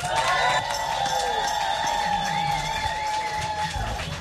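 A crowd claps and cheers steadily for several seconds as performers from Carter County, Tennessee, are welcomed at a show. It is a dense wash of applause with whoops and a few high whistling voices rising above it.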